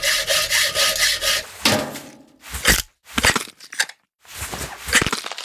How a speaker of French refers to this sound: Et ensuite, avec une scie et des pinces, il se met à ouvrir la cage thoracique.